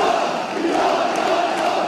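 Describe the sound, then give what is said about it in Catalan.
A crowd of castellers at la Bisbal shouts a war cry together, a loud, sustained wall of massed voices that holds steady for the full two seconds with no break or single voice standing out. “Crit de guerra.”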